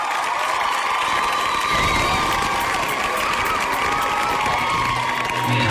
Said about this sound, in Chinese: 哇哦，气氛轰到这儿了，朋友们该怎么办呢？尖叫声、呐喊声。